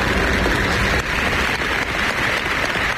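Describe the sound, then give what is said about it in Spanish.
A crowd of people in Jaén applauds the partial solar eclipse in a dense, steady wash of clapping that holds at an even, fairly loud level for the whole stretch, with no voices standing out. “Así aplaudían los jienenses el eclipse de ayer, al que también saludaron las aves, los pájaros.”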